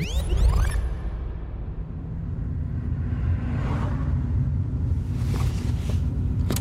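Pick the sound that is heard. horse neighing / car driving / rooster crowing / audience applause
car driving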